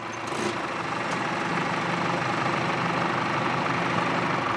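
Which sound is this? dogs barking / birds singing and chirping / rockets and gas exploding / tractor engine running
tractor engine running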